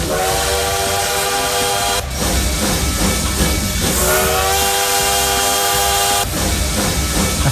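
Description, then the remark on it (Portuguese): A loud train sound effect played on Paz FM radio: a steam whistle sounds in two long blasts over continuous hissing, rumbling rail noise, with no voices. “Trem bala tá voltando da noite.”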